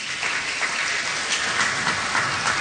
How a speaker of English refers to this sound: Can I hear all the boys clap?